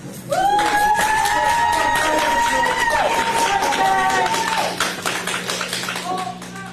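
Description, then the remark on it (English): Loud, dense courtroom applause from a crowd, with a sustained cheering whoop rising over the clapping early on; the clapping continues steadily, then thins slightly toward the end. “I'll tell you who deserves applause, not the judge.”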